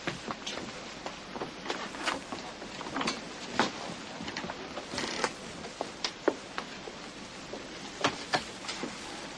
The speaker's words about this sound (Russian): Ну, дождь не на шутку разошелся. Ничего, он ведь сейчас очень нужен.